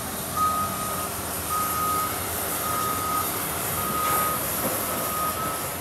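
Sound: forklift reversing beeps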